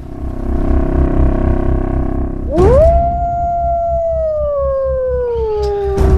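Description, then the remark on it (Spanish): A single long wolf howl, recorded in Yellowstone where wolves have been reintroduced, rises sharply, then slowly drifts downward in pitch for several seconds over a low, steady rumbling drone, preceded by a few seconds of that deep droning alone. “esa introducción que poníamos era de Yellowstone, cuando han introducido de nuevo a los lobos, han recuperado toda la vida en el parque.”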